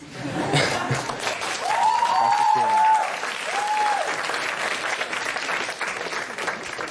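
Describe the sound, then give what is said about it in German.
The audience of a TV show debate applauds steadily for several seconds in support of a speaker, a dense wash of clapping from many hands, with a couple of brief whistles or whoops rising over the noise near the start. “Ich glaube, wir finden da jetzt erstmal gerade im Zwiegespräch keine Lösung, aber du hast ja das Publikum bemerkt, sie sind auf jeden Fall auf deiner Seite.”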